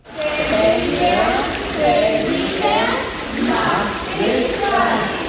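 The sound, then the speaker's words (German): Children's voices echo through a pool during a children's swimming lesson, where ten children and four swimming instructors stand in the water holding hands and slowly turn in a circle, chattering and calling out amid steady splashing and sloshing water, a busy, reverberant wash of sound throughout. “Zehn Kinder und 4 Schwimmlehrerinnen und Lehrer stehen im Wasser, halten sich an den Händen und drehen sich gemeinsam langsam im Kreis.”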